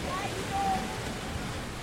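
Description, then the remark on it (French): A steady, soft wash of small waves lapping on the beach at Kini at night, a continuous hiss without distinct breaking crashes, with a couple of faint thin chirps briefly rising above it. “Il fait nuit et on entend beaucoup les petites vagues.”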